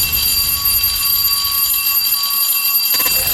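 The bell jingle of the radio station Rádió 1, its gong signal: a loud, sustained ringing tone with bright, high overtones that holds steady for about three seconds before a brief shift at the end. No voices.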